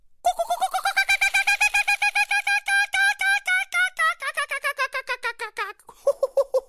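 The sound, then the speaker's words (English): A person imitates the laughing call of the Australian kookaburra: a loud run of rapid, rhythmic hooting cackles lasting several seconds, rising and then breaking into lower, slower notes at the end. “That's a pretty good imitation of the distinct laughing call of the Australian kookaburra.”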